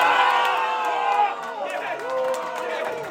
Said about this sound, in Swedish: Det är Liberalerna vi hör jubla här i bakgrunden.